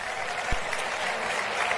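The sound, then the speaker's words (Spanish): A crowd applauds steadily at a town fiesta ceremony as the councillor for festivities presents a bouquet of flowers: a dense wash of many hands clapping at once, fairly loud and sustained throughout, with no voices standing out. “Un aplauso”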